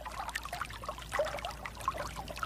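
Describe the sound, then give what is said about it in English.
Water running in Morocco, recorded by sound engineer Felix Blume: it trickles and babbles steadily, with small bright splashes and gurgles scattered throughout, a continuous flow at moderate volume with no voices. “He's also recorded the sounds of water running in California, in Morocco, as we're hearing now, and close to Chernobyl in Ukraine.”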